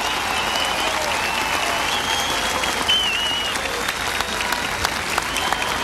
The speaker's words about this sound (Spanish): General García Huidobro, a nombre de una nación entera, mi agradecimiento y mis felicitaciones por esta gran parada militar 2026 y el aplauso del público reconoce el servicio a la patria.